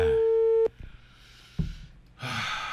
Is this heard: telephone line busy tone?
yes